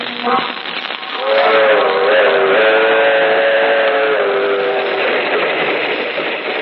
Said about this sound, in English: That train is the Southeast Limited. See it? Long, sleek, and powerful. Taking off for miles on the humming rails. A masterpiece of 20th century mechanical perfection.